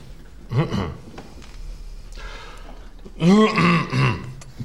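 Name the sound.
throat clearing and coughing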